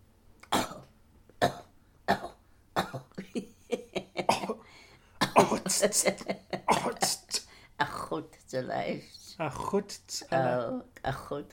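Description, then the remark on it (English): A run of harsh coughs in quick bursts, some single and some clustered, continuing for several seconds with short pauses between fits. “I'm coughing.”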